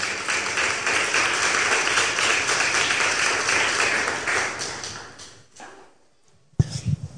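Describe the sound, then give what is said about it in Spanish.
A crowd applauds for Jesus with dense, steady clapping for about five seconds, then the clapping thins out and fades, followed by a brief pause and a sharp thump. “Un aplauso, por favor, a Jesús.”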